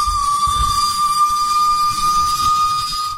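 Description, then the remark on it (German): A train whistle blows one long, steady, shrill note for about three seconds over a low mechanical rumble. It is loud, then cuts off abruptly. “War eine Pfeife von der Zug.”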